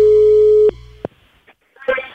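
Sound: telephone busy tone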